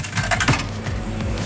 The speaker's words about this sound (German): Ich stecke hier gerade eine Münze in einen Eisautomaten rein.